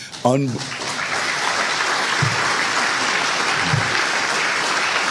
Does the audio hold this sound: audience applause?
yes